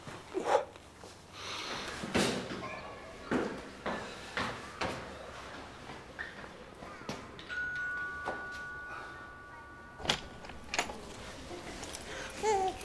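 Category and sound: human body sound, baby babbling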